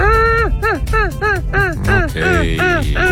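Seagulls cry in a quick, loud series of about eight harsh, downward-bending squawks, prominent over a steady low rumble of music underneath; a seagull sound effect added over a song on the radio show Jutro uz Otvoreni.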